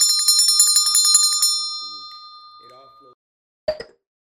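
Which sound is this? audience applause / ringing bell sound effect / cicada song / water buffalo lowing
ringing bell sound effect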